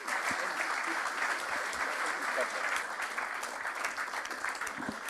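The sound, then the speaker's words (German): Sustained applause from an audience, a dense, even patter of many hands clapping steadily for several seconds at a fairly constant loudness. “Applaus.”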